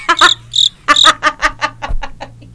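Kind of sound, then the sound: insect, cricket chirping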